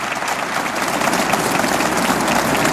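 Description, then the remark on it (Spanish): A crowd claps steadily for a Gospel reading, a dense, even patter of many hands at a fairly loud, constant level throughout, with no talking over it. “Ahora sí, dele un fuerte aplauso a esa palabra.”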